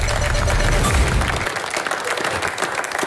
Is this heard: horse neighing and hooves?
no